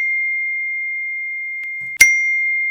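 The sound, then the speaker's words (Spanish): A steady, high electronic beep tone holds throughout, interrupted near the end by a sharp, bright burst, like cell phone notification tones, with no one speaking. “¿Cuántas notificaciones te están entrando en tu celular?”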